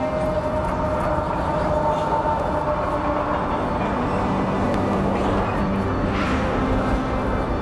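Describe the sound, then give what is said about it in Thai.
A freight train on the Canadian Pacific Railway in Canada rumbles steadily past, its heavy wagons producing a continuous loud roar with metallic squeals and rattling throughout, no voices present. “ถึงแม้ CPR จะกลายเป็นรถไฟสายประวัติศาสตร์ของแคนาดาไปแล้วแต่ก็ยังมีการใช้งานอยู่จนถึงปัจจุบัน”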